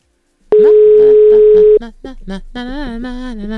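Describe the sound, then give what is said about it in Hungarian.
A steady, loud telephone tone drones for just over a second as a call is placed to a building's common representative, then cuts off and a voice begins speaking. “Most a közös képviselőt hívjuk.”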